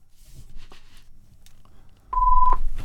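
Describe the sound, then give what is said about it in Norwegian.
A telephone rings once with a short, steady electronic tone lasting about half a second, clear over a faint background of low rumble and light handling noises. “Da ringer det.”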